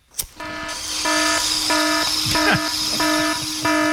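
A sharp click, then a loud, steady 'crack whistle' sound effect that pulses on and off in about six evenly spaced blasts. Its bright, multi-toned pitch sounds like a train whistle, with no talking.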